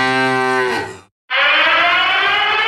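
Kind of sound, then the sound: signal or alarm, warning siren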